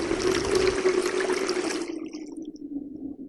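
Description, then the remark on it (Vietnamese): The water of a deep stream rushes and roars steadily with a broad hiss for about two seconds, then thins to a lower, gurgling flow as the bright splash fades. No voices. “Về hai anh em đi mãi, đi mãi, đến con suối sâu, nước ráo ùn ụt, họ sợ quá.”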